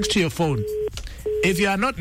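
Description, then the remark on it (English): A steady telephone tone sounds twice in short bursts, like a line ringing after dialing, as a person places a call to a winner, talking over and around it. “Let me see if I can call our another winner, okay?”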